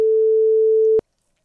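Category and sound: signal or alarm, phone call ringback tone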